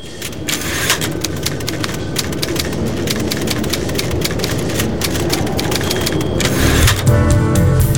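Rapid, irregular clacking of typewriter keys, one key pressed per character, the type bars striking sharply one after another at a steady loud level, with a shift to lower mechanical rattling near the end. No voices.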